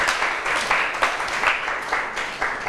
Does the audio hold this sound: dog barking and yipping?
no